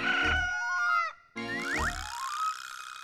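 Two loud rooster crows in quick succession, each a harmonic, strained call ending in a pitch bend, with a brief gap between them and no talking.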